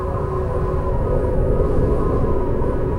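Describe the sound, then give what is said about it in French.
A steady, low rumbling rush of wind blows without a break for a few seconds, deep and fairly loud, with a faint airy hiss above it and no voices. “Tu entends le souffle du vent?”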